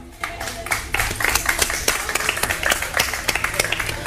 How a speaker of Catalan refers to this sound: Per tots ells, per totes aquestes institucions i amics, des de l'Ajuntament de Roquetes, demanem el primer aplaudiment del matí.